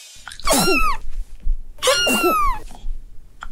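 A cat coughs twice in quick succession, each burst a raspy, strained hack with a throaty, whining edge. It is fairly loud, with no one talking.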